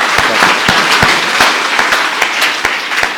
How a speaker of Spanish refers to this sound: Vamos a darles un gran aplauso. Gracias.